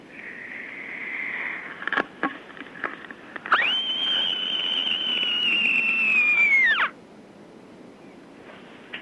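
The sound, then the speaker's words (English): A Year 6 child from Goulburn screams down the telephone at the end of a hard day: a long, shrill scream held steadily at a piercing high pitch for over three seconds, then breaking off with a quick downward slide, after a few soft clicks and bumps. “Here is my special End of a Hard Day in Year 6 scream.”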